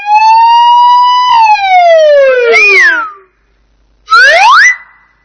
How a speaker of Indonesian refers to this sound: Ambulans.